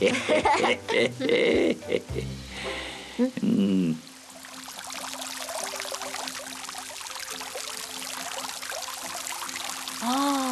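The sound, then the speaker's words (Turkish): Voices talk briefly at the start, then a steady, dense rush of water pours down heavily like a waterfall, continuing evenly to the end with faint voices occasionally over it. “Tıpkı şelale gibi dede.”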